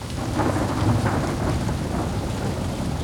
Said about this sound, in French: Miracle! Une bourrasque de vent a emporté l'escargot.